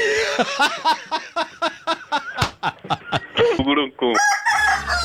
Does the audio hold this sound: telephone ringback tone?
no